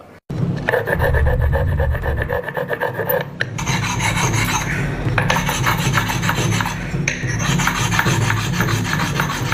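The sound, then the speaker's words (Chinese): Steady abrasive rasping of Qinzhou Nixing clay pottery being sanded and polished, the final step of its traditional making process; a dense gritty scraping that continues almost without pause, shifting in tone and pressure a few times. No voices. “在我们泥星陶那个传统里面，是六艺古法，这最后一道就是打磨了。”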